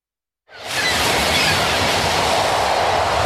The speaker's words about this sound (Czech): Když ráno rozsvítíte, když přijede tramvaj, když se otevřou dveře a město běží tak, jak má.